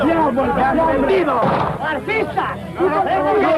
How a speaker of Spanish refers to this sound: Suena el primer disparo. Uno de los ultras que forma la comitiva de Sixto de Borbón ha sacado una pistola y ha disparado a menos de 2 metros, casi a bocajarro, contra uno de los partidarios de Carlos Hugo.